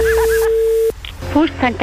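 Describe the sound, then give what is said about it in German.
A steady electronic telephone tone holds for about a second with brief higher beeps over it, then cuts off and a voice begins speaking over a faint line hum. “Das Telefon.”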